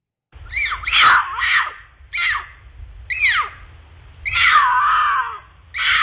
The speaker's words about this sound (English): here's the mating call of a mountain lion.